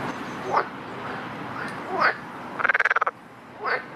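A frog croaks up close, giving three short rising calls spaced a second or so apart and, between them, a fast rattling burst of about eight pulses, with nothing else over it.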